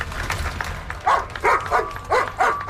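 An Alberta police service dog barks sharply about five times in quick succession, loud, over a low rumble of background noise with no talking.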